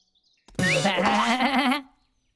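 A single loud goat bleat, drawn out for about a second with a wavering, quavering pitch, with no talking around it.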